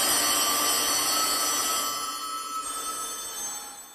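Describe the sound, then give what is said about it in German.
A dense clatter of many old mechanical telephone bells from a collection of collector's telephones, all rung at the same time, a loud, jangling wall of overlapping rings that gradually thins and fades over a few seconds, with no voices. “Manchmal, wenn Besuch da ist, lässt er deshalb alle Sammlerstücke gleichzeitig läuten.”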